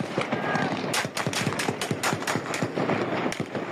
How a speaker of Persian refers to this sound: ساعت 10 که میشه شروع میکنن به تیراندازی، اصلا نگاه نمیکرد، کلاشو میگرفت راست همونطوری کلاشو میگرفت سمت چپ.